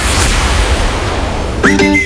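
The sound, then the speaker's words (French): A steady noisy rumble fills most of the moment, then a single short cat meow breaks in near the end, fairly loud, cut off abruptly, in a radio advert for the JMT pet store chain. “Attention, on répond à l'appel de son nom, le chat, le chien.”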